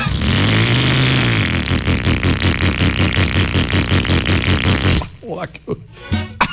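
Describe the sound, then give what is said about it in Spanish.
A rattly old motorcycle engine sputters loudly and unevenly for about five seconds with a rough, pulsing chug, then cuts out as a voice starts talking. “Si usted tiene una moto así, llegó la hora de que se gane con Suzuki Olímpica Estéreo una moto de verdad”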